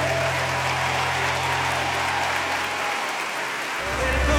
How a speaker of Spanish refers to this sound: Alguien de ese aplauso más fuerte al rey.